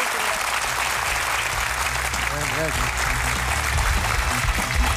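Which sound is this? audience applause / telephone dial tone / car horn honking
audience applause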